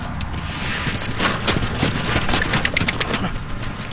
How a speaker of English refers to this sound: Troopers, halt! And walk. Officers and their horses training in Cleveland.